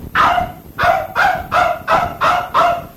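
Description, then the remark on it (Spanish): A frightened dog that came running after people barks seven times in a steady, rapid series, each bark loud, with no voices in between. “Puchica, hasta el perro se asustó, mire.”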